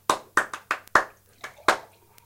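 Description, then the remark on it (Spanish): Brief applause of about seven sharp hand claps at an uneven pace, sounding like just one or two people clapping rather than a crowd, with no talking. “Aplausos.”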